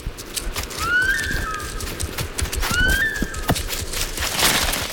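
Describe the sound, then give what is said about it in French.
Two shrill animal alarm whistles, a specific alarm call that can be heard up to 1 kilometre around, each a quick rising note followed by a short held tone, about two seconds apart over steady rustling background noise. “C'est un sifflement spécifique qu'on entend jusqu'à 1 kilomètre à la ronde.”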